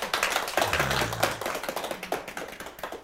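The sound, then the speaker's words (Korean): A crowd claps together in honour of Songsa, a late religious master, in a dense, steady patter of many hands, fairly loud throughout with a few brief low murmurs early on, then gradually thinning slightly toward the end. “자, 우리요, 송사님 위해서요, 박수 한번 칩시다요.”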